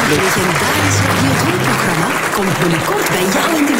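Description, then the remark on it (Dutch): A crowd applauds loudly and steadily for a weather presenter receiving an award, the dense clapping filling the whole stretch without a break, with faint voices mingling underneath. “Je wel, een groot applaus voor prachtig.”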